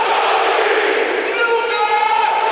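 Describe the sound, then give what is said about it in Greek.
A stadium crowd roars after AEK striker Luka Jović heads in the opening goal against Levski in the 8th minute. The sound is a dense, loud, unbroken wall of cheering and shouting that holds steady for the whole moment, with Jović's raw bellowing roar rising within it. “Τρύπησε τον Βούτσοφ, έστειλε την μπάλα στα δίχτυα και από ό,τι βλέπουμε και από την κάμερα βρυχάται ο Λούκα Γιώβιτς.”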